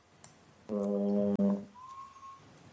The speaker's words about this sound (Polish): Jakieś kojoty wyją.